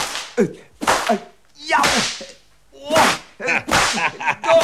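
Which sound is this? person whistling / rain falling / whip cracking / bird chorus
whip cracking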